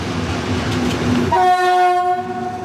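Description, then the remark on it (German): A class 298 diesel locomotive rumbles along, then its horn sounds loudly at about 1.3 seconds, a sustained harmonic blast that holds steadily to the end over the engine noise. “Das Ding? Genau, eine Baureihe 298.”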